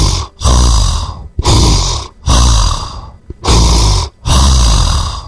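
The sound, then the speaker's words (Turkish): A voice imitates a man's loud, rasping snoring, about five long rattling breaths in a steady rhythm, each separated by a brief silent gap, loud with no talking. “Bu normal diyorsun, bu adam horluyor.”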